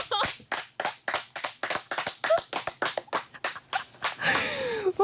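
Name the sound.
clapping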